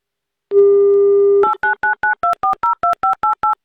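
Avtoradio presenters phone a listener in Saint Petersburg: a steady dial tone hums for about a second, then cuts to a quick run of eleven short, evenly spaced dual-pitch beeps as the number is keyed in.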